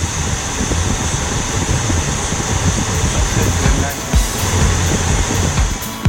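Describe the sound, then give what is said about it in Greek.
Heavy rainwater rushes in a loud, steady wash at Panorama, Chortiatis, while the low rumble of passing cars rises and falls underneath, with faint voices in the background. “Πάρα πολύ νερό ρε φίλε.”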